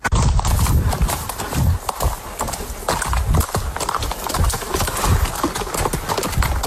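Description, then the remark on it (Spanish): Horse hooves clip-clop steadily, a brisk run of sharp knocks over a loud, continuous rumble of movement with no one talking. “Volver a montar tu caballo, volver a cuidarlo.”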